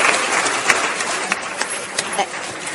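A conference audience applauds the organizer steadily, a dense wash of many hands clapping at an even level, with a few sharper individual claps standing out throughout.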